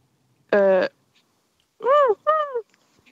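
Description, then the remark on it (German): A person imitates a seagull live on the radio with three loud vocal cries: a flat, nasal squawk, then after a pause two quick rising-and-falling calls, with no other talking. “Dann kannst du das deinen Freunden schicken, wie du eine Möwe im Radio live nachmachst.”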